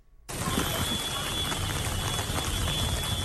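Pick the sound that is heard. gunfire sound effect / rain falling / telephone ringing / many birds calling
rain falling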